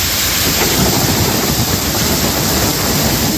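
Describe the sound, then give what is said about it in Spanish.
A night thunderstorm in Valencia, Spain, on the Mediterranean coast, with heavy rain pouring down in a steady, loud roar and a deep low rumble running underneath throughout. No one speaks. “Porque las fuertes tormentas como esta de anoche en Valencia han estado descargando buena parte de la noche en toda la costa mediterránea, desde Cataluña hasta Almería.”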